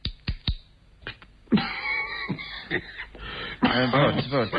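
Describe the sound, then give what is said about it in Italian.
Several sharp, hacking coughs burst out, some in quick pairs, followed by rough throat-clearing and strained, wheezy vocal sounds as if struggling for breath, from a person coughing after smoking a cigarette. “No, è che non mi piace fumare, per questo mi viene il tossico.”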